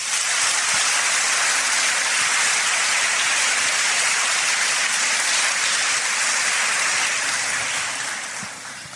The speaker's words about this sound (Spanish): Palabra de Dios. Te alabamos, Señor. Si es palabra de Dios, hay que darle un fuerte aplauso.